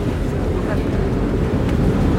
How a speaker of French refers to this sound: Nous voilà arrivés sur l'île d'If, on laisse partir le bateau. Sympa comme moyen de transport pour aller sur son lieu de travail tous les jours.